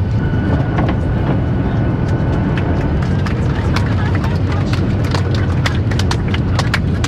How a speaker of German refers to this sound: Man hat also schon sehr viel Grünes gesehen und sie setzt jetzt zum Landeanflug an. Auf dem Flughafen Ben Gurion gleich also.